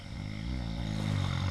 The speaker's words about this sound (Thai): ปู่กรนเสียงดังใช่ไหมล่ะ